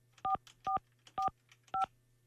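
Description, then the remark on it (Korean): Four crisp telephone keypad tones beep in an uneven sequence as a phone call is placed to a radio listener's regular landline, each a short dual-pitched note, loud over a faint steady low hum, with no voices. “다른 방학생 4445 일반 전화로 갑니다.”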